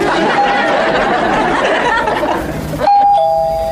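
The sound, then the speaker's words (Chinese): A doorbell rings out with a bright two-tone chime, cutting sharply through a busy murmur of background chatter and laughter, then the tones linger and fade. “我以为你去开门了。”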